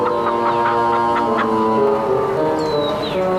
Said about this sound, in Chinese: 看见院子的鸡了吗？